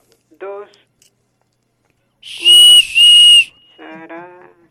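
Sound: whistle blown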